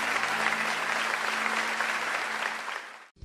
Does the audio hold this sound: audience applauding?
yes